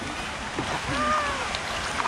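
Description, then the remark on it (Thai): A pedal boat moves through water at Pinfah Farm while ducks are being fed and compete for food, with a steady churning and splashing wash. Faint thin tonal sounds drift above the continuous noise, which stays fairly even throughout. “เป็ดจะแย่งกินแล้วเนี่ย ปั่นเรือถี่”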